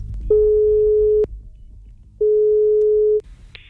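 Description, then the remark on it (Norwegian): A phone line ringing tone while calling Ørjan Nyland: two steady, mid-pitched beeps, each about a second long with a pause between, over a low hum, ending with a brief click. “Men skal vi ringe Ørjan Nyland og spørre om det der å dusje, ikke dusje rett etter trening, om det er greit?”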